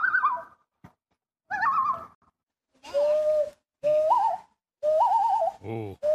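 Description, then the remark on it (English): A series of about five wavering, mid-pitched calls of a loon, a swimming bird, on a lake in Maine, some rising and trembling in a yodel-like warble, each loud and separated by short silences. “They have many calls. Calls for distress, calls for mating, calls for just communicating with one another.”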